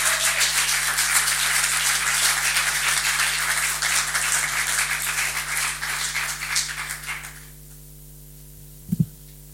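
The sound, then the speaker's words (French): An audience at La Factory applauds as an author is invited to speak, a dense, steady wash of clapping for about seven seconds before it fades out, leaving a low electrical hum and a brief thump near the end. “Donc je vous le conseille, je vais lui donner la parole immédiatement, si vous pouvez applaudir.”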